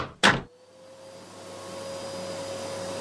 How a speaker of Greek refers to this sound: Ρε μαμά, πρέπει να διαβάσω. Άσε τη σκούπα για άλλη ώρα.